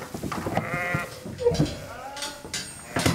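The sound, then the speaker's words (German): Several pregnant sheep bleat in overlapping, wavering calls, one after another across a few seconds, with faint rustling and shuffling of a flock underneath, after being transported 50 kilometres from Palmzin to Fidschio. “mit den trächtigen Schafen hat die 50 Kilometer von Palmzin nach Fidschio geschafft.”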